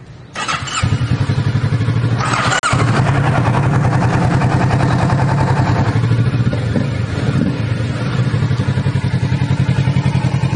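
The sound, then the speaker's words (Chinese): A motorcycle engine is started with the key and push start button; it cranks and fires up, then settles into a steady, loud, low idle with a rapid pulsing putter, briefly blipping once before chugging on evenly. “它的 clutch， 它的 brake， cut off switch， engine push start button， 这个放手机的，给我们来开锁匙，我们 start 一下了哈。”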